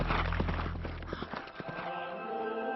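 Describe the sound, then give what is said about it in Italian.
Horse hooves clip-clop in a quick, uneven rhythm over a steady low rumble, the horse from which Saul falls on the road to Damascus. The sharp knocks thin out and fade after the first second and a half. “Saulo cade da cavallo e sente una voce.”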